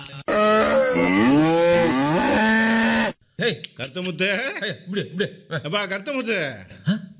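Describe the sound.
A long, loud moo swells and bends in pitch for about three seconds, then stops, followed by a run of choppy, bouncing vocal sounds like chuckling or quick talk.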